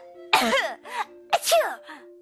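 Two loud, open, uncovered coughs, each a harsh burst trailing into a voiced, throaty rasp, separated by a short pause over a faint steady hum.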